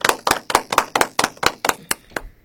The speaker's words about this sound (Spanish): El aplauso.